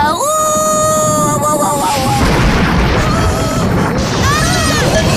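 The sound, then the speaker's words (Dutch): Loud, continuous thunder booms and crashes during a thunderstorm, filling the whole stretch like a heavy thunderclap rolling on, with a high wailing tone over the start and a brief rising squeal near the end. “Wat een donders geknal, zeg.”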